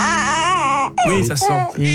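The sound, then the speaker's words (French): A tired, sleepy baby whimpers and cries in wavering wails with a brief break before fussing again, strained and continuous across two seconds. “Ça c'est bébé qui a sommeil.”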